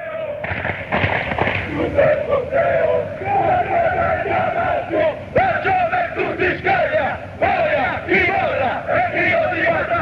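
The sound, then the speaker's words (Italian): A large crowd of football ultras chants together in a loud, rhythmic roar, voices locked into a repeated melodic line with sharp bursts and claps punctuating the dense singing; the chant, against the Bergamasco, goes "la gioventù si scaglia, boia chi molla è il grido di libertà", adapted from a fascist rally slogan. “Ti dico che questo coro è il coro che viene fatto con gli atalantini”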